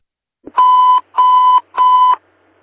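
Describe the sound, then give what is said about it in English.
Three loud electronic beeps from an alarm system, each a steady tone of under half a second, evenly spaced, with no voices, followed by quiet. “Can you see if the alarm company has a reset, please?”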